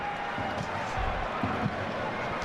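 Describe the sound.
A steady wash of crowd noise fills an arena, with fans cheering and voices blending together while a ball thuds on the court a few times underneath; among them about six or seven girls with Israeli flags cheering for Israel's national team.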